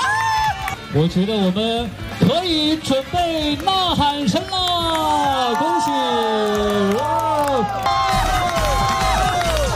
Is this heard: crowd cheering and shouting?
yes